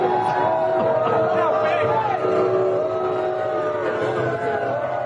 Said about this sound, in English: Donald Trump being lustily booed when he arrived at the venue tonight in New York. This was him being booed inside the venue when people spotted him during the national anthem.